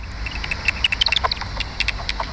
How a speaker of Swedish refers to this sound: Arten är dvärgpipistrell, och den sänder ut ljud som studsar mot föremålen i omgivningen, som den använder både för att navigera och hitta insekter att äta.